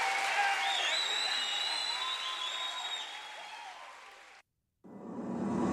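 A crowd applauds Jesus steadily and loudly with high whistles and cheers over the clapping, then it cuts to a brief silence before the applause surges back.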